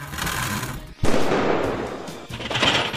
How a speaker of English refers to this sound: Did you hear that? Loud bang, then buzzing. Relax. It's not a ghost. It's your HVAC system. If your furnace or AC is banging, buzzing, or rattling, that's not normal.